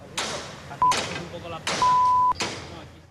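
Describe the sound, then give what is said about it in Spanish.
Heavy metal panels of the bull-run (encierro) fencing in Pamplona clank and bang about four times in a few seconds as the fencing is dismantled, each hit ringing out briefly, with a short high metallic squeal between blows, loud. “el sonido que rechina es el del desmontaje del vallado del encierro.”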